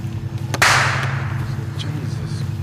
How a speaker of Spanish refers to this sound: De la nada se escuchó un disparo y los jóvenes identificaron que se trataba de un rifle calibre 22.